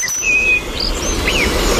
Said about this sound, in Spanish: Petirrojo europeo.